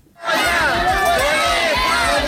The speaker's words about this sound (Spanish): Este ha sido el grito más escuchado en Dueñas por parte de los padres de más de 200 niños que este primer día de curso no han ido a clase y han colgado sus mochilas como modo de protesta